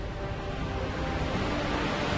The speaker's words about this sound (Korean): 기온이 오르면서 녹아내린 빙하가 절벽에 작은 폭포를 만들어냈습니다.